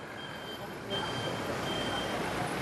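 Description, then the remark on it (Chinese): Dense, congested city traffic at a big crossroads intersection rumbles steadily, a constant wash of engines and road noise with a faint tonal whine running through it, growing slightly louder after the first second. “当我回到现实，大十字街口认识车流涌塞。”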